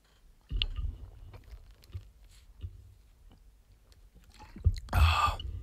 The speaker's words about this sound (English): I just realized I haven't really done this in a while. It's time for me to drink water. You guys ready?